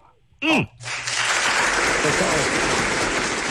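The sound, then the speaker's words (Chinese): A short rising-and-falling vocal whoop, then a dense burst of clapping from many hands, cheering on a caller about to sing on a radio show, that swells and holds steady and loud until the end. “好好唱啊，好好唱啊，我给您鼓掌了啊，我给您鼓掌了，您听好啊，好不好？”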